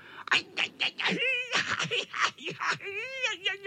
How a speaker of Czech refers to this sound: Pištěl kocour, který dopadl do kopřiv. Představte si, do kopřiv.